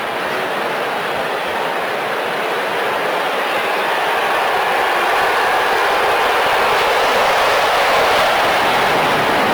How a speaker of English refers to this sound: Here comes another one. That plane was moving. It could be loud here when those planes buzz us. We got a lot of that yesterday, the day before.